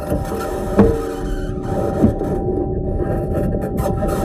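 The Perseverance rover drives on Mars, recorded during a drive, with a steady mechanical grinding hum and a faint whine, broken by two sharp clicks or knocks early on; no voices.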